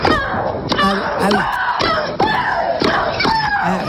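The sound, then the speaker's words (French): Loud, drawn-out female shrieks from Russian tennis player Maria Sharapova repeat every half second or so, each opening with a sharp ball strike, forceful like a tennis rally with grunting on every hit. One of her shrieks was measured at 101 decibels. “celle que vous entendez, c'est la Russe Maria Sharapova qui joue au tennis. Un de ses cris a été enregistré à 101 décibels”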